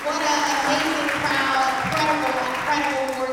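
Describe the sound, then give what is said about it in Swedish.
Steady applause from an audience in church pews at a citizens' meeting in Washington, a dense patter of clapping that stays even throughout, with a voice talking over it, greets Democratic mayoral nominee Janice Lewis-George in a bright pink suit as she takes the microphone. “Janice Lewis-George är klädd i knallrosa kostym och hon möts av applåder när hon vant greppar mikrofonen.”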